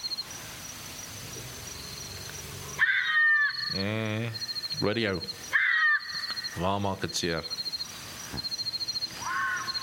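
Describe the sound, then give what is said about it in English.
Bat-eared fox calls: a few loud, wavering, nasal yelps in two bursts, mixed with short high chirps over a steady insect-like hum, with a brief spoken voice. “But it sounds like a monkey, you know, an aap from a... I'll say it in Afrikaans, actually. Okay. Bak oor jakkels.”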